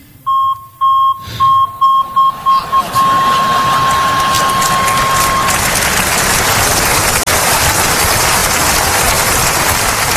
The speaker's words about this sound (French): Jamais les oublier, c'est le même bip que le bip de recul sur ma voiture.